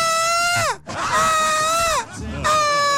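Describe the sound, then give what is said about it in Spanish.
A man imitates his wife screaming in three loud, drawn-out, high-pitched wails, each sliding downward in pitch with short breaks between them, strained. “Salgo del baño, compadre, después de haber comido empanada y veo a mi esposa gritando, desfavorecida, compadre.”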